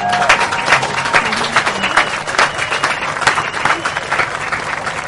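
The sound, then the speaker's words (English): A crowd applauds a speaker after a speech, dense overlapping claps forming a loud, continuous wash with a few faint cheers and murmurs mixed in. “Once again, let's give him a round of applause.”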